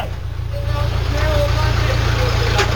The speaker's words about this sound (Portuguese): Esse barulho aqui é o trator.